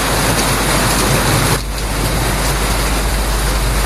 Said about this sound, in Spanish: Oye, como llueve, compadre. Oye, de verdad. ¿Su trueno? Puede ser, po. Puede ser. Tronazo. Pues eso, desde Rengo ahí nos reportan cómo cae la agüita por esos lados.